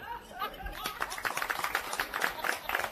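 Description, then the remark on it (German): An audience breaks into steady, dense applause for a very young musician, many hands clapping in a continuous patter, with a bit of laughter and voices just before it starts. “Und erst wenn du hochgehst, ist der Applaus aus.”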